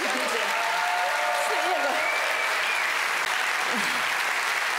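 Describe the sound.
Sustained audience applause fills the room, dense and steady throughout, with faint voices and a few cheers blending in beneath the clapping.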